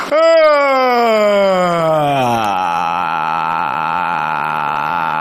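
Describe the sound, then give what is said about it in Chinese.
One long, exaggerated, loud vocal yawn, done to produce vocal fry, sliding down in pitch and then trailing off into a sustained, creaky, gravelly tail lasting several seconds, with no talking. “我 不是打哈欠会不会、啊？ 打哈欠会啊！”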